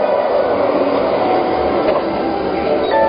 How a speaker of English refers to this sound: Of course, your smart home has already booked you a ticket on the magnetic hover train while you relax and enjoy a beautiful view of the future.